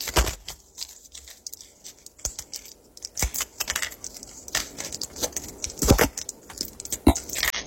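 Someone sorts out medication: irregular small clicks, taps and rattles of pills and packaging being handled, with sharper snaps now and then and no talking.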